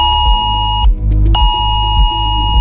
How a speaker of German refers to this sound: Auch zwischen Chiemsee und Königssee haben vor etwa einer halben Stunde plötzlich viele Handys Alarm geschlagen.